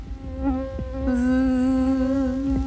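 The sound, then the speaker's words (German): A mosquito's thin, high-pitched whine drones steadily, wavering slightly in pitch as it hovers, with no voices present. “Sommerzeit ist Mückenzeit.”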